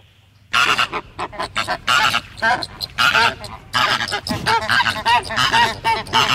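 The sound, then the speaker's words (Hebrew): A flock of flamingos calls continuously in loud, overlapping honks and nasal gabbling, with dense bursts in a busy, goose-like chorus that barely pauses after the first half second. “פלמינגויים.”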